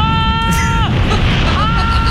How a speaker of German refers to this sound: Können wir bitte noch einmal hören, wie du schreist? Am Ende ist es so krass.